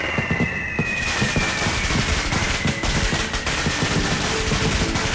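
A long string of 2,000 red Dadihong firecrackers, set off at midnight to open a small shop, crackles continuously. Dense rapid pops fill the whole stretch, loud, with no voices.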